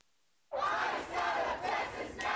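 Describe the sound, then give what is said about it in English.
Members of the Houston community protest outside a Houston City Council meeting on Tuesday, calling for an end to Immigration and Customs Enforcement operations in Texas. The crowd erupts into loud, sustained shouting and chanting after a brief silence, many raised voices rising and falling together in angry protest. “Fury from members of the Houston community as they call for an end to the Immigration and Customs Enforcement operations in their state.”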